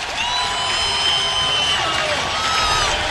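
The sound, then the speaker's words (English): A packed stadium crowd at a Nebraska versus Iowa baseball game at Hawks Field rises to its feet, roaring and cheering in a steady, loud wall of noise with two outs and two strikes, with shrill whistles and whoops cutting through the dense clamor for about three seconds. “Crowd to their feet.”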